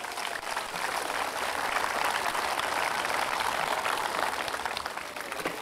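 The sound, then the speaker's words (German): Steady applause from an audience at a sea lion show after the sea lions jump from a standstill, a dense crackle of many hands clapping at an even loudness throughout, with no voices over it. “Okay, gibt's auch einen Applaus, oder?”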